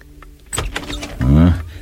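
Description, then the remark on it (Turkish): A spare room key scrapes and clicks as it turns in a room's door lock, a quick cluster of metallic rattles, followed by a brief droning creak. “Odanın yedek anahtarını getireyim. İşte getirdim. Dua edelim de anahtar içeriden kilidin üzerinde olmasın.”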